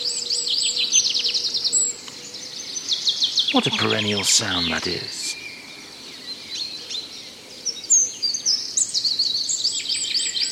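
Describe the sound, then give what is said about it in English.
Blackbird, chaffinch and lesser spotted warbler song fills a forest glade with steady, bright chirps and warbling trills throughout, while a man speaks briefly in the middle. “Sound of the Mr. Blackbird there, Mr. Chaffinch, and Mr. Lesser Spotted Warbler over there on the right.”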